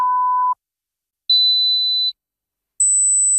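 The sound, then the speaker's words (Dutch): Three steady electronic beeps in a Hoortzo hearing-test advertisement from Spijkenisse, each held about half a second or more with short gaps between, stepping upward in pitch from a mid tone to a very high, thin one. No voices. “Hoorde u geen drie piepjes zojuist?”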